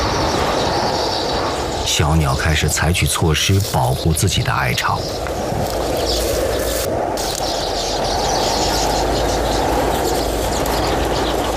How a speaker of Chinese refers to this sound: 今天呼啸而过的狂风比往常更加猛烈，鸟巢在风中摇曳着，辛辛苦苦几十天才建成的房子面临被摧毁的危险。